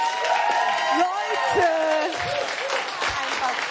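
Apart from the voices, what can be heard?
audience applause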